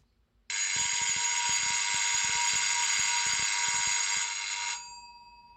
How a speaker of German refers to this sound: Also es hat irgendwie nur geklingelt, Horst, aber das hat besondere Bewandtnis. Das ist ein Rufzeichen. Ein Zug fährt von Jever nach Karolinsiel. Einmal 10 Kurbelumdrehungen.